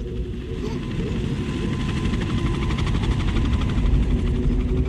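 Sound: helicopter flying overhead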